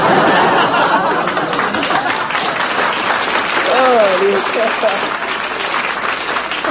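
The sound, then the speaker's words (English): An audience, including bachelors and a couple of married men, applauds steadily and loudly throughout, a dense wash of many hands clapping, with some scattered voices and brief laughter mixed in. “Even a couple of married men are applauding.”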